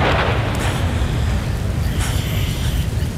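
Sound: thunder clap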